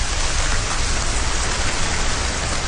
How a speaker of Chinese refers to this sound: 随着楼顶的高压雾化喷淋降温系统启动，各楼楼顶同时喷水，宛如鲸鱼喷泉，这一幕 出现在山西省运城市盐湖区的一个住宅小区。看着从楼顶降下的雨，小区居民们暑热顿消。